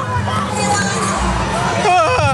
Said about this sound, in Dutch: Ben jij nou degene die het hardst schreeuwt? Hoor ik dat? Ja, volgens mij wel.